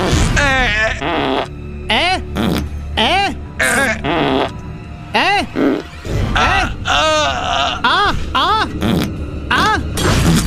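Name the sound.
blowing a raspberry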